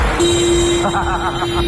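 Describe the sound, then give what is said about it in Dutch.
The horn of Robin's bus, a listener's bus following behind on the last stretch toward Ommen, sounds one long, steady honk that holds a single pitch for well over a second, loud, over a noisy background with faint voices. “Moet wel zeggen, ik vind de toeter van Robin toch mooi, hè?”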